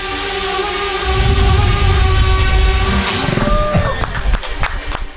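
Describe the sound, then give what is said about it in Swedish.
A laser weapon made by the Finnish-American startup Tordynamics shoots down a drone: a steady, layered electronic whine over a low rumble, then the tones drop away and a short run of sharp crackling pops follows. “Så här låter när det finsk-amerikanska startup-företaget Tordynamics skjuter ner en drönare med ett laservapen.”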